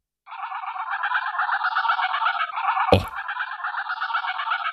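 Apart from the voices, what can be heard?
geese honking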